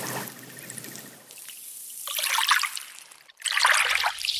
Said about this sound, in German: Immer wieder plätschert hier das Meer in kleinen Wellen ans Ufer auf den steinigen Strand.